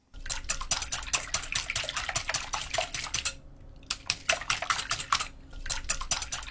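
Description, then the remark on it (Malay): Rapid, steady clinking of a whisk beating two eggs and 50 grams of sugar together in a bowl, fairly loud, with two brief pauses before the rhythmic whisking resumes. “Pertama kita mengocok telurnya dengan lembut menggunakan pengocok telur.”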